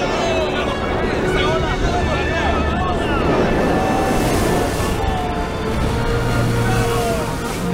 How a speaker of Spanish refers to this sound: ¡Cuidado, el viento está muy fuerte!